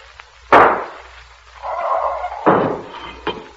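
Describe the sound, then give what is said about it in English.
A paralyzing gas globe is hurled through a suddenly opened door and bursts: a sharp, loud shattering burst, then a hissing rush and a second crashing burst, ending with a smaller pop. No voices. “Open the door suddenly, Zarkov, and I'll hurl this paralyzing gas globe.”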